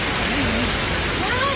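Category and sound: nature, rain with wind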